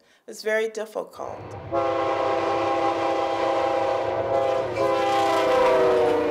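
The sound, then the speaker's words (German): A passenger train travelling north rolls along the rails near the small town of York with a steady low rumble, and a long sustained horn blast with stacked harmonic tones sounds over it after a brief burst of voice-like pulses at the start. “Immer weiter fährt unser Zug nach Norden.”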